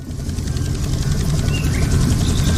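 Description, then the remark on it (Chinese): A remote-controlled toy airplane with hand-painted livery drones steadily overhead, its motor a continuous rumbling whir that holds fairly loud and even for a few seconds, with no one talking. “给我玩才不危险，这是我的飞机。”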